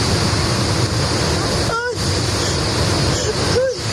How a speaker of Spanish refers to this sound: Este es el sonido que se lleva, el sonido del agua que se lleva por delante coches y contenedores y todo lo que encuentra a su paso por la localidad de Madrigueras.